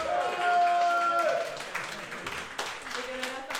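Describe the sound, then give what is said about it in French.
An audience applauds a family steadily, a dense wash of clapping that runs the whole length, with cheering and whistle-like high tones over it at the start before the clapping continues alone. “Et puis surtout, à les applaudir très fort. Du bruit pour la famille.”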